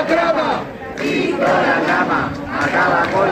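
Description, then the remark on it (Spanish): A large street crowd cheers Víctor Aldama and chants loudly in unison "¡Víctor Aldama! ¡Acaba con la trama!", many voices blending into a continuous roar that dips briefly before surging again, with shouted rhythmic phrases rising above the noise. “hasta tal punto que hace justo le han vitoreado en la calle de esta manera.”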